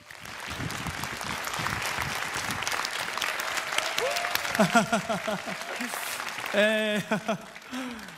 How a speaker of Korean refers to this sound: 큰 박수로 만나보겠습니다.